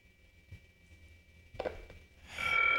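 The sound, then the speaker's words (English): A telephone starts ringing near the end, a loud electronic trill that follows a few quiet seconds with a faint steady whine and a soft clunk, with nobody speaking. “It's been different the way we do things, and we got a phone call, so let me take that.”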